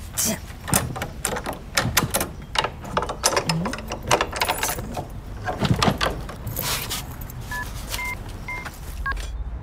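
A house key jingles and clinks in a quick run of bright metallic rattles, fairly loud, jingled proudly in front of a new apartment, followed near the end by a few short beeping phone dial tones.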